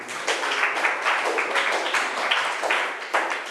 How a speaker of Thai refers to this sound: ปรบมือให้กลุ่มหนึ่ง